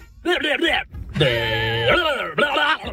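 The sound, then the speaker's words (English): A goat bleats three times in a row: a short wavering cry, then a long, strained, steady bawl that dips at the end, then another quick bleat. Loud and nasal, with no talking. “Is it a goat? It is a goat.”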